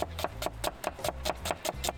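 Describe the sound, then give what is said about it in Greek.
A forged chef's knife chops quickly and steadily on a wooden board, about nine crisp taps in a fast even rhythm as a potato is sliced. No voices are heard. “Δείτε την πατάτα. Το μαχαίρι του σεφ, φορζέ. Δείτε, φέτες.”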